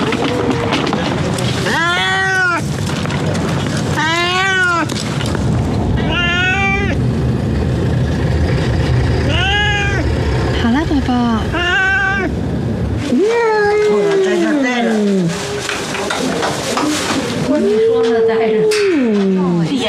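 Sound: cat meowing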